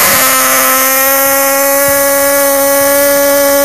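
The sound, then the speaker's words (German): A quick drum thump, then a loud, sustained fan horn blares a single steady, buzzy note for several seconds without a break, as fans cheer on Blau-Weiß Wessebuhr at a match. “Ich versuch das mit der Tröte. Letzte Chance! Einmal noch! Ich trommel und direkt danach du!”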